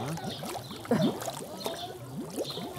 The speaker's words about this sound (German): Was da blubbert, ist die von Algen verstopfte Wasserpumpe. Je weniger Wasserzirkulation, desto mehr Algen.